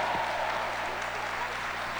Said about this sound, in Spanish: Con gozo y alegría, démosle la bienvenida a Fray Nelson Medina. Un fuerte aplauso al Señor por él.